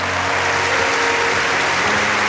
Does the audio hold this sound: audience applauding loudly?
yes